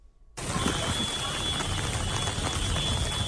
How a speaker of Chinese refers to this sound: 开学第一天，台南不少地区都是下雨